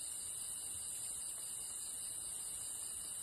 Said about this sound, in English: Night finally falls on the forest. The nocturnal wood cricket has also come out.